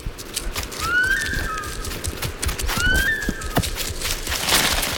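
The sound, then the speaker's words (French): Two shrill animal alarm whistles, a specific alarm whistle audible up to 1 km around, ring out about two seconds apart, each a quick rising note that holds briefly, over a rough, rustling outdoor background. “C'est un sifflement spécifique qu'on entend jusqu'à 1 km à la ronde.”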